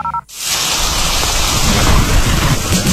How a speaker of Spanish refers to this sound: Cuando llueve fuerte y se inundan las calles, nunca abras las tapas del alcantarillado para evacuar las aguas lluvia, ya que no está diseñado para recibirlas,